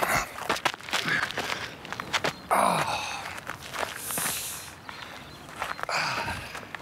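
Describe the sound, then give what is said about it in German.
Irregular footsteps land on something crunchy and rustling as a person steps into something, with a sharp breathy gasp partway through and a voice briefly exclaiming once amid the steps. “Ich bin in irgendwas reingetreten.”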